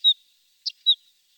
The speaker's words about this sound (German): Ja, das war der Vogel der Woche.